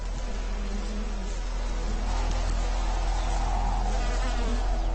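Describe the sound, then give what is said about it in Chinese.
A steady insect buzz drones on without a break, a low humming tone over a hissy wash: a bee hovering and working around flowers while searching for and sipping nectar. “在寻找和吸食花蜜的时候，蜜蜂的口气显得非常短。”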